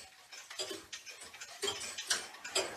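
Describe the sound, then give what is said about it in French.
A pendulum clock in a clock repair workshop in Les Écorces, France, ticks steadily at about two beats per second, with soft, even tick-tock strokes and no voices. “Et là, le tic-tac est différent. Il est plus doux.”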